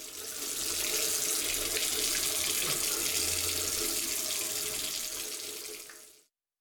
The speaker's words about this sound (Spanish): Si no cerras la llave mientras lavas los platos o te cepillas los dientes, estás desperdiciando el agua que se tomarían 44 personas en un solo día.